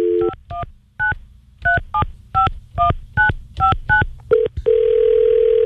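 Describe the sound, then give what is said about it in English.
A telephone number is dialed on a keypad at the Mix 106.5 radio studio: about eleven quick, clear touch-tone beeps in a brisk, slightly uneven rhythm, followed by a steady continuous tone. Fairly loud, with no voices. “And if you don't mind, I just need to make a phone call.”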